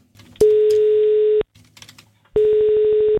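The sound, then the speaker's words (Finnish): A steady telephone dial tone sounds twice, each a loud one-second hum, with brief key-tapping and faint background noise between them, as Radio 957 in Tampere calls a contest winner. “Nyt on aika soittaa seuraavalle kisavoittajalle.”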